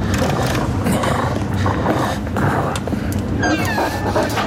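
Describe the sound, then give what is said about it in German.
A big wolf growls and snarls loudly and continuously, a deep rumbling roar with harsher rasping bursts, with no voices. “Himmel. Wolf. Der große Wolf”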